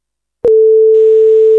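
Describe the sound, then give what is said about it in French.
After a moment of silence, a click opens into a long, steady electronic beep from the answering machine of the radio station Syllab. The pure tone holds loud and unbroken, with faint background hiss creeping in partway through. “Nous avons un message sur le répondeur, on l'écoute tout de suite.”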